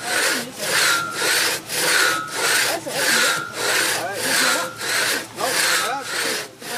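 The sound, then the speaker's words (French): A long old-style two-person crosscut saw (passe-partout) rasps steadily through wood, cutting rounds of wood, in even back-and-forth strokes, about eight or nine passes with brief pauses between, loud with no voices. “qui nous fait faire des rondelles de bois avec une scie à l'ancienne où tu peux tirer à deux. Voilà, un passe-partout, exactement.”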